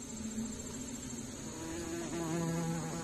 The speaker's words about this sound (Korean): 꿀벌의 천적 장수 말벌입니다. 지구상에서 가장 큰 말벌이기도 하죠. 꿀벌통 하나쯤 초토화시키는 건 일도 아닙니다.